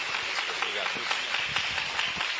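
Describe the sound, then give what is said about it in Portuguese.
A church audience claps their hands together in a dense, continuous patter of many overlapping claps, steady and fairly loud throughout, with a murmur of voices mixed underneath, applauding for Jesus as they welcome the preacher. “Irmãos, com bastante palmas para Jesus, vamos receber o servo do Senhor.”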